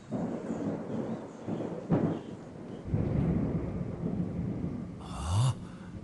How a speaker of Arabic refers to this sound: هناك عاصفة قادمة. أوه، العاصفة قادمة من البحر.